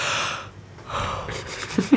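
A single crisp yawn into a microphone: a long breathy inhale, a pause, then a drawn-out airy exhale ending in a short low vocal groan, with no talking.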